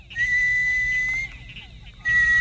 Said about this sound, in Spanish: Ese es un pájaro.